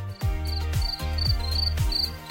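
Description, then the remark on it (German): Crickets chirp on a summer night in quick, high repeated bursts, about twice a second, steady, hidden in a radio music mix, with a deep pulsing thump underneath in the same rhythm and no voices. “Dieses SWR4-Sommernachtsgeräusch, das Zirpen der Grillen”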